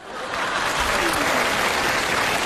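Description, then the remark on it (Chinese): An audience bursts into applause, many hands clapping in a dense, steady patter that swells within the first half second and then holds at an even, fairly loud level. “你不觉得这个掌声很勉强吗？ 没有啊，人挺认真鼓掌。”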